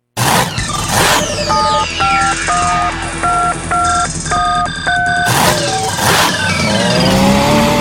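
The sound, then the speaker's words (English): A loud tractor-pull engine revs and roars continuously, its pitch rising and sweeping near the end, while a run of short electronic beeping tones plays over the middle. No one speaks. “Yeah, gearheads, Washington County tractor pullers bringing the throwdown May 23rd,”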